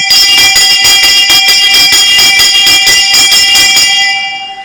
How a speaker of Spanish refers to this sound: Con trajes de gala, sombreros y guitarras, celebraron la duradera amistad entre ambos pueblos, en donde además hicieron sonar solemnemente las tradicionales campanas del Grito de Independencia.